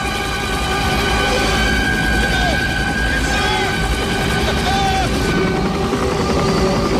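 A dense, continuous roar with low rhythmic chopping of helicopters flying over the sea in a film soundtrack, layered under sustained musical tones and scattered sounds, loud and steady throughout.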